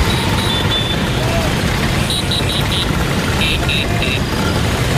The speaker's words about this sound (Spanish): Banderas de sus países tocando el claxon, como decimos, y esa postal tan bonita, tan italiana, de las 10.000 Vespas recorriendo las calles frente al Coliseo Romano.